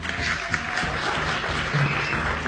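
Steady applause from a group, dense clapping that fills the whole clip at an even level with no voices on top.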